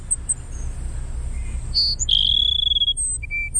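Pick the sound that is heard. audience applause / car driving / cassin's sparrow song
cassin's sparrow song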